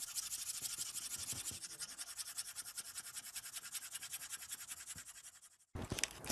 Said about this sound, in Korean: 이때는 도안을 잠깐 내려놓으시고 이 윗면이 아니라 뒤집어서 연필을 흑연에 묻혀 주실 거예요.